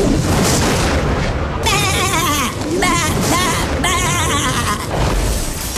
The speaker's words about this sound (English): You're going to hear a sheep replacing a very famous movie quote. You got to tell me what that missing quote is, and you are off to see Shaun the Sheep.